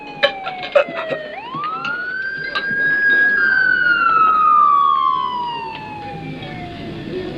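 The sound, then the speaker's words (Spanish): An ambulance siren wails once, sweeping up sharply in pitch and then sliding slowly back down, fairly loud, with faint background noise and clatter underneath. “¡Una ambulancia!”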